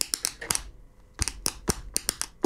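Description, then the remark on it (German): A pen taps on a tabletop in quick, crisp clicks, forming a rhythmic pattern in two bursts separated by a short pause. Fairly loud, with no voices. “Beim nächsten Song könnte ich mir vorstellen, der Komponist, der hatte einfach nur auch einen Tisch und einen Stift und hat...”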